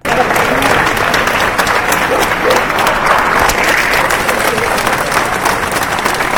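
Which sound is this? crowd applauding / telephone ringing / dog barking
crowd applauding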